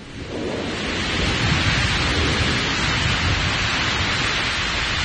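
Heavy rain pours down in the mountains in a dense, steady roar, with deep thunder rumbling low underneath, mixed with the sound of a river, swelling slightly after the first second. No voices are heard.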